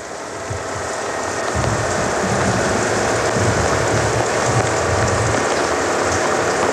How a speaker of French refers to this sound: Le bruit de la pluie.